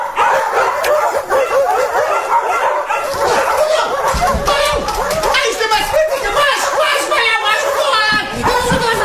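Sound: dogs barking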